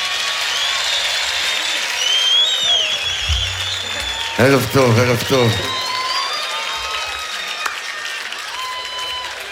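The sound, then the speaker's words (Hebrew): A concert crowd claps steadily as a singer is invited to the stage, a dense hiss of applause with scattered cheers and whistles rising above it. Midway, a man speaks briefly over the clapping. “לא מחאת מספיק כפיים, אז הוא לא בא.”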